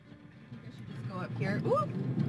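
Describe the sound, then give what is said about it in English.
A car drives along a road, its steady low engine and road rumble filling the cabin, while a voice briefly speaks over the noise partway through as the driver needs to merge. “Up here. Uh-oh, okay, I need to merge. When we were in the car”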